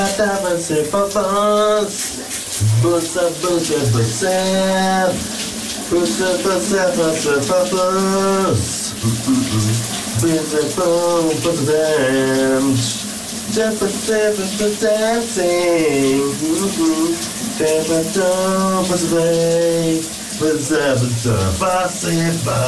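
A man sings a melody at close range over the constant hiss of running shower water, his voice carrying unbroken from start to finish with brief pauses between phrases.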